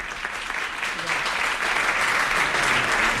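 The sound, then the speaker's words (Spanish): Sustained applause from a group, dense steady clapping at a fairly loud, even level throughout, with no voices standing out. “Un segundo, un aplauso.”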